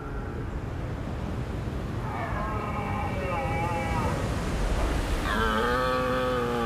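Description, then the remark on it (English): Red deer stags roar during the autumn rut on the island of Rum, two long, deep bellowing calls, the second louder, over a constant rumbling outdoor background of wind. “Red deer stags.”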